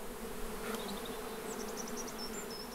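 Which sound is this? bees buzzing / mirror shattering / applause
bees buzzing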